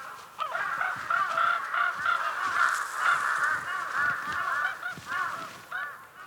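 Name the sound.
large-billed crows calling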